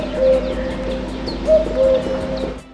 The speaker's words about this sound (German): Der Kuckuck war schon einmal der Vogel des Jahres 2008. Seinen Namen wie auch seinen typischen Ruf kennt wohl jeder.